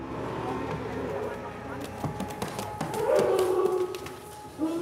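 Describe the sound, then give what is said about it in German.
A bear named Sonko, being moved for transport in a heavy, metal-lined bear crate, lets out a protesting howl, a wavering, mid-pitched moaning cry that swells about halfway through, over scattered knocks and clatters. “Protestgeheul.”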